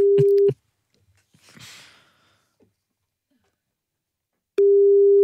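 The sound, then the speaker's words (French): A loud, steady telephone busy tone sounds after the other party hangs up on a call, falls silent for several seconds apart from a faint breathy rustle, then returns at the same pitch. “Non, nous venons avec les meilleures intentions et ça raccroche.”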